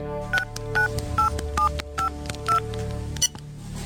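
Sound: mobile phone dialing tones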